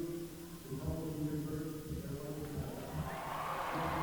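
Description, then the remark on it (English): An arena crowd at a Michigan State versus LIU match fills the air with a steady roar and murmur, reacting to a replay of a shot shown on the Jumbotron, then swells louder and brighter near the end as the reaction builds. “The crowd agrees as well. They're reacting if they saw that shot on the Jumbotron.”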